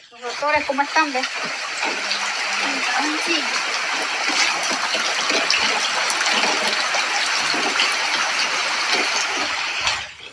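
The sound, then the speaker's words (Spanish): Floodwater rushes loudly and steadily through the houses of an informal settlement in the 16 de Julio neighbourhood, a continuous broad roar of churning water for about ten seconds, with a voice speaking briefly at the very start. “Bueno, aquí está impresionante cómo el agua tenía todo esto arropado en la invasión del barrio 16 de julio.”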